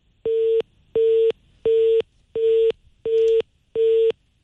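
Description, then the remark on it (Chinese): A telephone busy signal after a call to a manager at the furniture firm Shuangye Home is rejected: a steady mid-pitched tone pulsing on and off in quick, even beeps, about seven in a row, loud and clear with no talking. “您好，您拨打的用户正忙，来电信息将以短信的形式通知他。”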